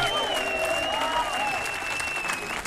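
An audience claps steadily for a few seconds, a dense, even wash of many hands, with a thin wavering tone like a whistle or held note running faintly beneath it.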